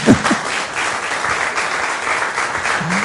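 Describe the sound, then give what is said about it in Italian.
A crowd claps steadily in a dense, sustained burst of applause lasting several seconds, loud, with a brief voice or whoop near the start and end; an audience applauding after a live interview at the L'Estate del Principe event. “Fate un applauso a Bizzolini.”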